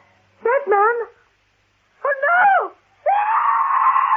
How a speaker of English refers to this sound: Speed realized that the last scream Helen gave was different. It was a scream of recognition as she stared yet again at the photograph of Jonathan Jupp.